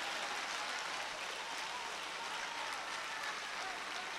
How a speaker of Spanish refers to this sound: Un aplauso al Señor.